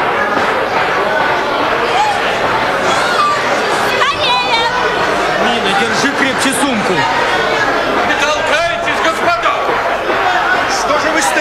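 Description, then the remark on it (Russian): A dense crowd of overlapping voices murmurs and calls out at once, a steady, close-packed hubbub of people pushing together on a train platform to board and take their seats, with no single speaker standing out. “Граждане, спокойнее, не толкайтесь. Все успеют занять свои места.”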